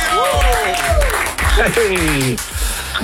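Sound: audience applause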